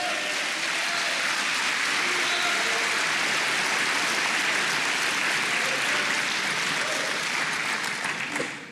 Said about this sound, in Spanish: dele palmas al Señor.